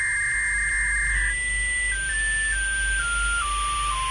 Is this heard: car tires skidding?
no